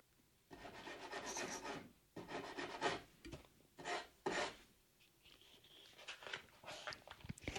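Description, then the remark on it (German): Scratching and rustling against the wooden back wall of a stable where hens are kept, coming from outside where the stable borders a large field, in several rough, raspy bursts of uneven length, fairly loud, with brief pauses between them and no talking. “Hinten an der Rückwand des Stalls hört man das Scharren. Dort, wo der Stall direkt ans große Feld grenzt, es raschelt erneut.”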